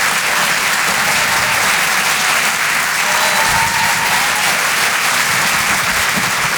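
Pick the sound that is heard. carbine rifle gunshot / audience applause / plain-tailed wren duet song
audience applause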